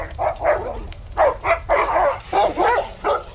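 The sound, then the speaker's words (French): A dog growls and snarls as it approaches, in the evening by a campfire, a series of short, harsh, loud bursts with brief pauses between each rough vocalization and no talking. “Mais soudain, un chien qui grogne en approchant vers vous.”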